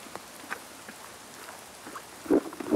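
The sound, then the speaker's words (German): Steady rain falls with a soft, constant hiss, scattered drops tapping, and a few heavier splats near the end. No one speaks. “Gut, weil Regenwetter ist, füttern wir euch mal per Eimer.”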